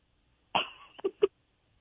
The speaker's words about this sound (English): Sorry, I'm sorry. I'm sorry. Something was happening. Somebody was just coughing in my room. I don't know what's happening.